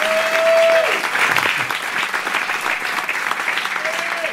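A concert audience applauds steadily, dense overlapping clapping filling the whole stretch at an even loudness, with a faint sustained tone ringing briefly at the start and again near the end.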